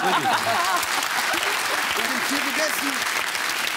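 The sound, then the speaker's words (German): Steady audience applause fills the whole stretch, a dense, even crackle of many hands clapping, with people talking over it. “Applaus bitte.”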